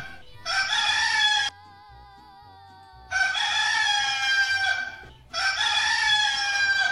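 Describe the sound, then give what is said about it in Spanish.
A rooster crows loudly at 5:37 in the morning, three long, strident calls in quick succession with brief pauses between them and no talking. “Bueno, ya está ahí el gallo cantando para que usted despierte.”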